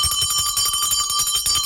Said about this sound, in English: Is my bell noisy this morning? Oh, sorry.